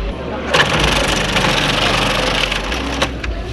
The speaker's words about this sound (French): Quelqu'un s'occupe de couper le chou, Kellig le passe au robot mixeur et le dépose ensuite dans un saladier.